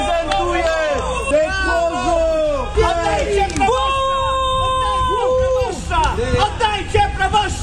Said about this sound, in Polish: Awantura i protest w obronie proboszcza w Grójcu koło Święcimia